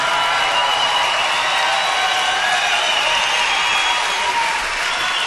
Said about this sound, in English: I think he deserves at least one more round of applause.